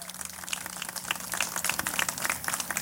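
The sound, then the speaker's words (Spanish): Steady applause from a crowd, a dense patter of many hands clapping at once, fairly loud and sustained throughout with no voices rising above it, for two winners at a university event. “Bueno, nuevamente un fuerte aplauso a estos dos ganadores cuyo talento representa el espíritu creativo y entusiasta de nuestra comunidad universitaria.”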